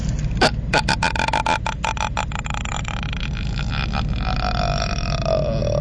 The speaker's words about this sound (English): It sounds like a burp. She got it towards the end. Ah, see, she lost it there.